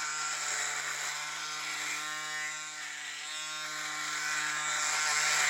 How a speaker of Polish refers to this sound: Teraz pokażę, jak działa maszynka sama w sobie. Jest teraz troszkę taka mokra, bo była po myciu, ale tym się nie ma sensu przejmować. I teraz włączam ją. No i teraz ona sobie chodzi i można się golić.